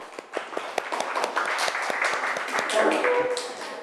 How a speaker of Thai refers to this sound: นะปรบมือเพื่อนหน่อยค่ะ